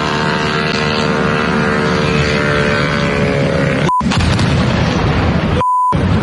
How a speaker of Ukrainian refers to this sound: А вот третій пішов. Російська романтика, вона нині така. Вночі стояти за бензином у нескінченній черзі і рахувати українські дрони, які нищать чергову нафтобазу.